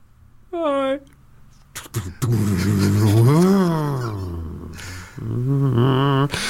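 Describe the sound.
A voice mimics a car engine revving: a short hum, then a long rising and falling 'vroom' that surges and trails off, like a car pulling away, fairly loud.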